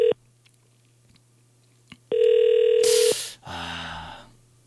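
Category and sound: signal or alarm, outgoing telephone call ringing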